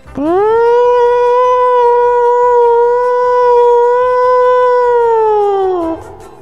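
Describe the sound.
A voice imitates a siren with one long, loud wail that sweeps up in pitch, holds a steady tone for several seconds, then drops away at the end.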